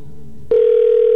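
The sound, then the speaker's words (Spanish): A telephone rings on a call placed live on air on the radio station Cristal 93.3: a quiet, low background hum gives way partway through to a loud, steady electronic ring tone that holds without a break to the end. “Ya se sonó el teléfono”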